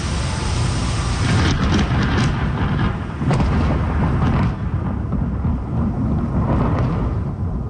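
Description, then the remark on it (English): A deep, sustained rumble of thunder from a lightning storm over the Lower Mainland on the south coast of British Columbia, Canada, on a Saturday night, rolls on for several seconds, loud and heavy in the low end, with a few sharper crackles breaking through before it slowly trails off. “A preliminary count from Environment Canada reported more than 1,800 instances of lightning over the lower mainland on Saturday night and into Sunday morning.”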